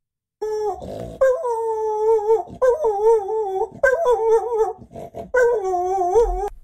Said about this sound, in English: Well, as promised, can dogs do falsetto too? Richard from Okorito thinks so. He has sent us an example of his dog in full flight falsetto. Here we go.